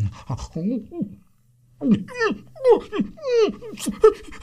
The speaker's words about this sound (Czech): I pro pána, co se to s tebou, pejsku, děje? Vždyť ty jsi nějaký nemocný. Vždyť ti kape zuby pěna.